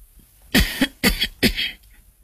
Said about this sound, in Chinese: 老妇咳嗽一声，让自己的脸部表情看上去柔和一些。